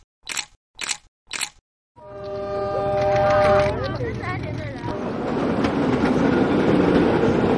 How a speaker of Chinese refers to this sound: 从 S2 经过的时候，照片非常好看的市郊铁路 S2号线，我们叫开往春天的列车。